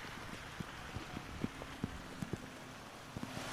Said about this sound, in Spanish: Repito, es que vuelve a arreciar la lluvia y de qué manera las condiciones son extremas.